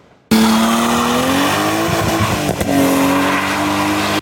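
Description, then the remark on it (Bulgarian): A drifting car's engine revs hard while its tires squeal, loud, starting abruptly and roaring continuously for about four seconds with the engine pitch rising and dipping, during night drifting at a licensed track. “На лицензиран полигон бяха организирани състезания за най-малките с велосипеди и тротинетки, майсторско каране на мотори и нощен дрифт.”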